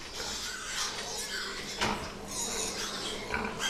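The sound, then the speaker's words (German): A dense chorus of pigs on a pig fattening farm where one million animals are fattened each year, many animals grunting and squealing at once in a steady, noisy din, with a few sharper squeals rising above the crowd. “Nicht weit entfernt lag ein Schweinemastbetrieb, in dem jährlich 1 Million Tiere gemästet wurden.”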